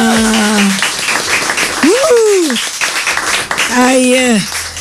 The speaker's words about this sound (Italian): Bene, direi che dall'applauso, insomma, per te il karaoke continua